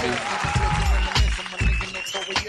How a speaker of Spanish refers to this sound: Ya, aplauso para esta empresa.